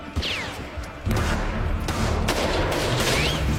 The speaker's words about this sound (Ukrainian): Стрілянина почалася одразу.